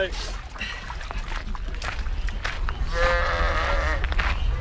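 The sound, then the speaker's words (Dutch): A sheep gives a drawn-out, wavering bleat partway through at a children's petting farm, over steady outdoor farmyard noise with faint voices and other animal sounds, including peacocks, in the background. “Met, je hoort ze al, schapen, pauwen en een heleboel andere dieren.”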